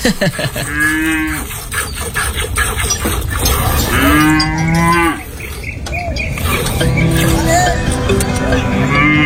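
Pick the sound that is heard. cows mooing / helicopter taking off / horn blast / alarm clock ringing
cows mooing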